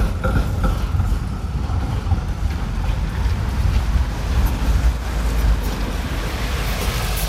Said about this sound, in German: So, jetzt lassen wir den Bus da vorbeifahren. Da kommt einer eingebogen.